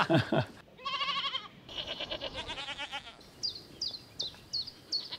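Goats on a farm bleat in a run of loud, quavering calls one after another, followed by a series of short, high chirps repeating at a steady pace.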